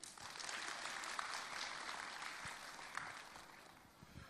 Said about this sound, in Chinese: 感谢各位嘉宾的莅临与支持，让我们再次以热烈的掌声欢迎他们。